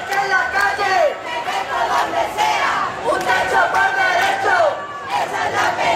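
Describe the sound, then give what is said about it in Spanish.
A large protest crowd of more than 7,000 people marching in Zaragoza, Spain, over housing rental and sale prices shouts slogans in unison against the right-wing bloc and vulture funds and calls for a general strike, loud rising-and-falling chants repeating in waves over a steady roar of many voices. “en una movilización en la que se han escuchado gritos contra el bloque de la derecha, los fondos buitres, y en la que se han hecho repetidos llamamientos a la huelga general.”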